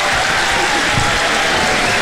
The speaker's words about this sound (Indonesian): Okey, kita bagi tepuk tangan dulu lah.